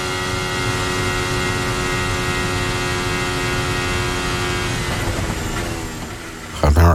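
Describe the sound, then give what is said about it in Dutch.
A Formula 1 racing car engine screams at high revs, a loud, steady, buzzing whine held almost the whole time, wavering slightly near the end before a brief rough burst closes it. “Ik hoor hem niet inklappen, die auto van Lewis Hamilton.”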